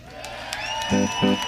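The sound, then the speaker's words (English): A crowd cheers and claps for the band at a blues show put on by WMNF and the Suncoast Blues Society, with a rising whistle and two short, loud whooping shouts over a steady wash of applause. “Ladies and gentlemen, how about a big round of applause for …?”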